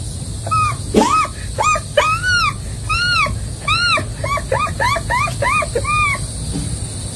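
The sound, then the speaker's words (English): A voice imitates an American herring gull, giving a rapid series of about a dozen loud, rising-and-falling yelping cries, with brief gaps and no talking. “next, a herring, American herring gull.”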